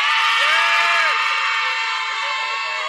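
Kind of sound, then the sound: crowd, audience shouting and cheering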